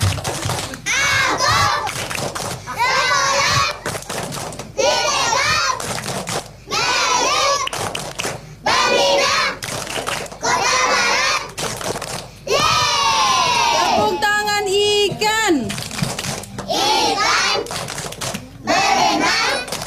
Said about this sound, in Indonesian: Tepuk tangan anak TK.